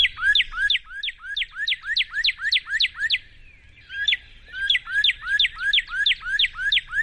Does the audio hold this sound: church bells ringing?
no